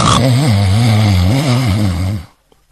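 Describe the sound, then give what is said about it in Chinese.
A voice imitates the loud snoring of Cheng Yaojin in one long, rumbling, low-pitched drone with a wavering, sawing pulse, lasting about two seconds before cutting off into near silence. “可是再一听啊，这位程大爷呼噜打得震天响。”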